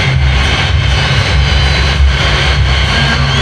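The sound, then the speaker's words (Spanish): A stadium crowd ovation for goalkeeper Emiliano "Dibu" Martínez as he leaves the field fills the whole stretch as a dense, loud, steady roar of cheering and applause, with a low rumble beneath and no single voice standing out. “Y así escuchamos una ovación para el Dibu, para Emiliano Martínez, que se saca la cinta.”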